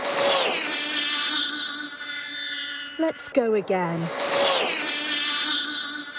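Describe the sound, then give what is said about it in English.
The world's fastest remote control car, setting a new world record of 256.47 miles per hour, whines loudly with a steady, shrill motor tone, then drops sharply in pitch as it zips past. A voice speaks briefly during the pass. “This is the world's fastest remote control car, achieving a new world record.”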